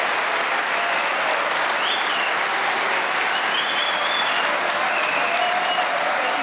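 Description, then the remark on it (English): A large indoor crowd at the Crucible applauds steadily after a century break by Sean in a snooker semi-final, a dense, even wash of clapping that holds at a constant, fairly loud level throughout without pause, with no voices standing out. “And what a response from the Crucible crowd, acknowledged by Sean.”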